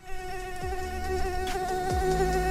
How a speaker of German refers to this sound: Ich hatte zum ersten Mal eine Mücke im Bett. Die hat mich so hart genervt und natürlich auch zerstochen.